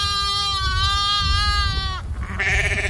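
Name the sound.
goat bleating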